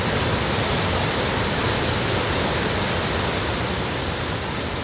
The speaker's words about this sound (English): Quite a waterfall. Yeah, it's a lot bigger than the last time I was here.